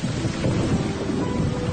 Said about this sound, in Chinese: 电闪雷鸣时，若正在户外，怎样防雷？